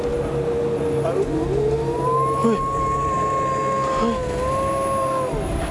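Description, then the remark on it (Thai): A dog howls in long, wavering, drawn-out tones that rise and slowly fall, sustained over several seconds against a steady background hum. “เฮ้ยเฮ้ยพี่ทำเสียงหมาหอนได้ไหมเนี่ย ใครทำ เอ้า ไม่ได้ทำ ไม่ได้ทำแล้วมันหอนอะไรอ่ะ รู้แล้วหมามันหอนอะไร”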